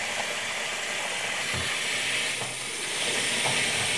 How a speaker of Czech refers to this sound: Předvedem, názorně natočím. Normálně vodu natočíte. Natočím normální vodu.